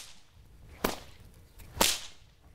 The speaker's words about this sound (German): Wenn die Peitsche hinten ist, müsst ihr sie schnell nach vorne schwingen. So entsteht das Knallen.